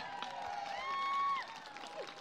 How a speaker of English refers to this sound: applause, everybody.